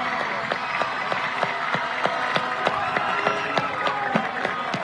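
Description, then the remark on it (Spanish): An audience applauds the delegation that represented Paraguay, many hands clapping in a dense, continuous patter with sharp individual claps standing out, sustained at an even moderate loudness throughout. “Y pido un fuerte aplauso para todo este gran grupo que representó a nuestro país.”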